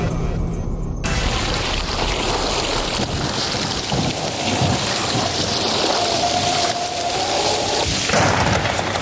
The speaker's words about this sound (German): Das war wohl eine Fehlschaltung. Das war nicht Wetter an der Ruhr, sondern Unwetter an der Ruhr.